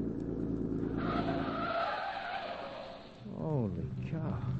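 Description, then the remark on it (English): A car engine roars as tires squeal loudly through a curve while chasing another car, the screech sustained for a few seconds before the vehicle's noise shifts and a voice briefly speaks near the end. “This ought to be the last curve, then a straightaway.”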